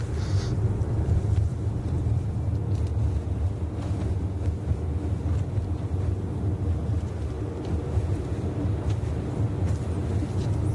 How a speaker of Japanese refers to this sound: 今車をですね、東に向けて走らせてますが、ちょうど今ですね、長野から山梨県北杜市に入りました。